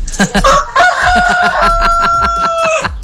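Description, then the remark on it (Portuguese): A farmyard rooster lets out a single long, drawn-out, loud crow, with a steady rhythmic clatter and some clucking running underneath it. “mandou pra gente aqui o galo lá do terreiro”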